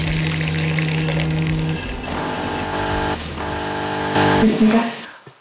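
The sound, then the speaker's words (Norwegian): A coffee machine brewing coffee in a home at Domkirkeodden, Norway, with a steady mechanical pump hum and watery gurgling and hissing that shift in pitch, then swell louder near the end before cutting off. “Bare hvis du har en kaffemaskin.”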